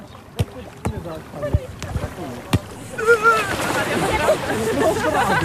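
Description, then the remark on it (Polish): Outdoor lakeside bustle at Lake Tarnobrzeg in Poland, with people relaxing in hot weather: water splashing and sloshing, a few sharp knocks early on, then a steady wash of crowd chatter and voices over lapping water. “wybrał się nad jezioro Tarnobrzeskie, bo tam już pełen wypoczynek.”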